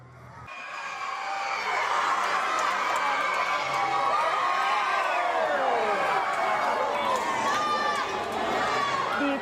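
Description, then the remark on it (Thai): Teachers and students at Kajonkiet International School in Phuket, Thailand, erupt in loud, sustained cheering and excited shouting as a championship award is announced, with many high-pitched voices overlapping continuously for several seconds. “ครูนักเรียนโรงเรียนขจรเกียรติอินเตอร์จังหวัดภูเก็ตเนี่ยเขาไม่เรียนเขาไม่สอนกันเลยนะ เอาทุกคนก็ต้องมาเชียร ์ มาเชียร์แล้วก็ลุ้นตอนประกาศกลางรางวัลนะคะก็ส่งเสียงเฮสนั่นเลยที่ได้แชมป์มีเสียงให้ฟังไหมคะ”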